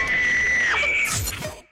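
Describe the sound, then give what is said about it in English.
A contest winner gives a loud, high-pitched scream of excitement that holds one shrill note for most of a second, then breaks off into a rough, noisy burst. “Better use your whisper scream.”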